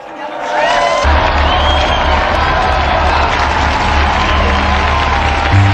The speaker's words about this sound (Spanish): Unidos pues a esta iglesia, brindemos nuestro cálido aplauso a las beatas Dolores y Consuelo Aguiar Mela Díaz.